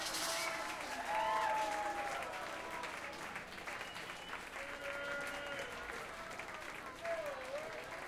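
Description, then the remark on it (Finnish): Sustained audience applause, a dense, steady wash of clapping that holds for several seconds, with faint cheers and whistle-like tones rising through it. “Vielä vähän voi taputtaa kyllä mun puolesta ainakin.”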